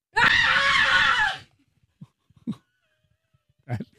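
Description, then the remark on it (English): A single loud, raspy human scream lasting just over a second, performed as an imitation, followed by quiet with a few faint breaths and small mouth sounds. “You want an example of the scream or the story of the person?”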